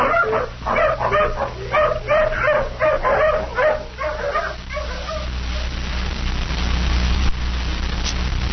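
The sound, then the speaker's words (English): A tracking hound, made to sniff a shirt for a scent, gives a rapid series of short, excited yelps and whimpering barks for several seconds, then falls quiet over a low rumbling outdoor background. “Come on, hound, sniff. Take another smell of this shirt.”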